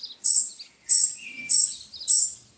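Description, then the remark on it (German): A baby robin in a nest in a tree by a garden fence chirps four times in a steady rhythm, each call a thin, high, piercing peep, against a quiet background with no talking. “Aha, ein Rotkehlchennest. Dachte ich's mir doch. Oh, da sitzt ein Vogeljunges darin.”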